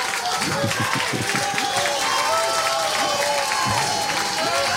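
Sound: audience applause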